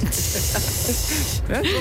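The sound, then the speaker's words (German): A Karlsruhe subway (U-Bahn) train door, imagined in Minecraft, opens with a loud, steady pneumatic hiss lasting over a second, then cuts off into a few quick rising chirps over a low rumbling murmur, in a blocky game-like style. “Tür auf und ab in die U-Bahn.”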